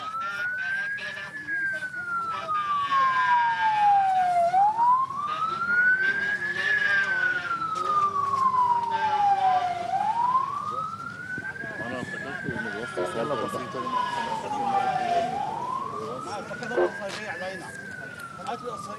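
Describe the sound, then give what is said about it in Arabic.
Ambulance sirens wail in slow rising and falling sweeps, loud, over a busy background of crowd noise and traffic, with some voices faintly audible, as ambulances carrying the bodies of 13 people killed in an Israeli airstrike arrive at the cemetery of the village of Deir Qanoun al-Nahr for burial. “وصلت سيارات الإسعاف التي تحمل جثامين الشهداء.”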